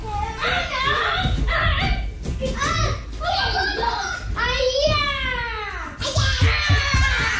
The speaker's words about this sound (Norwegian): Ja, vi hadde reporter på plass da det var strupetak og kaste seg over hverandre.